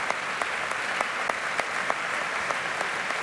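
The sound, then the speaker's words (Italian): Warm, sustained audience applause in a full conservatory hall holding about 1200 people, for a performer returning to the stage: a dense wash of clapping with scattered sharper claps popping out at an irregular, lively rhythm, steady in loudness throughout with no voices. “Però l'applauso è sempre molto molto caloroso per Martina Meola, che ritorna un'altra volta sul palcoscenico.”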